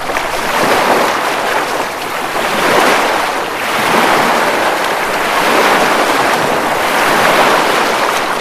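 Steady roar of sea waves washing and surging in broad swells, with a constant rush of wind over the water; loud and continuous, with no voices.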